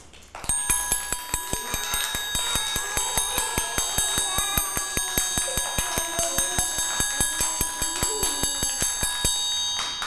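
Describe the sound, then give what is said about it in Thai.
A quick, steady run of bright metallic taps, like a small bell struck over and over at a fast even pace, continuing for the whole stretch with no voices; a fast rhythm tapped out by a teacher for children to name in a movement-and-rhythm lesson. “คือจังหวะอะไรคะเด็กๆจังหวะเร็ว”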